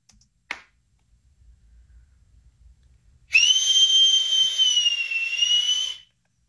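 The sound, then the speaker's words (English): A single sharp hand clap rings out, followed after a short pause by a loud, steady high-pitched whistle sustained for about three seconds before cutting off. No one speaks. “I'll do the clap for the first one, and then you'll hear as we get to the third one.”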